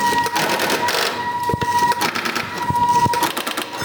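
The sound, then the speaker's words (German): Telephone dialing and exchange switching as a number in Tübingen is dialed after the area code: sharp mechanical clicks and clatters arrive at irregular intervals over a steady, thin electronic tone that hums beneath them and cuts out near the end. “Genau, und jetzt wähle ich dann die 444.”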